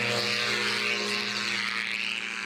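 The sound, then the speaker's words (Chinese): A powered paraglider engine drones steadily for the whole stretch as it flies over Gaoyiling in Suxian District, China. It makes a loud, buzzing propeller hum with a low, even pitch and a rough, breathy wash of air over it. No one speaks. “待会儿就要乘上滑翔伞飞上高一岭上空，去看整个景色。”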